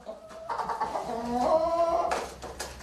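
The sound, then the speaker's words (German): Seven surviving chickens cluck and murmur in a short, continuous burst, their warbling calls rising and falling over a low background hum, with no voices. “Eine Streubombe hat sie alle getötet. Dort im Hühnerstall.”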